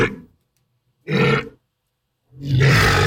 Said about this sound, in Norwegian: Sånn her høres en valross ut, om du lurer eller ikke.